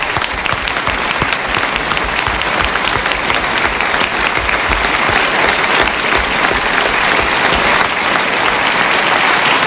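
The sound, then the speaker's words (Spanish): Sustained, dense audience applause at the close of a Radio Ficción radio drama on Onda Cero's Más de uno, a steady loud wash of many hands clapping without pause, continuous from start to finish. “Gracias, gracias, gracias, gracias por sus aplausos que no terminan nunca.”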